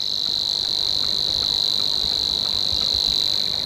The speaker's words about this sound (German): Bei uns gibt es 3 davon, nämlich noch den Rohrschwirr, der dann eher das Schilf mag und ein bisschen wärmer klingt, so hier.